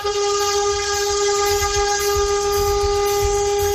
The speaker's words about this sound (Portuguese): Sobrou ninguém na frente dele depois dessa buzinada aí. Pelo amor de Deus, o povo assustou tudo na rodovia.